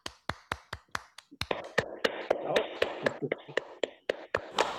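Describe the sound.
A single pair of hands claps in a steady rhythm, then more people join in, building into brisk, overlapping applause with murmuring voices underneath: applause on a broadcast for a journalist with over 30 years in the profession who covered her first World Cup.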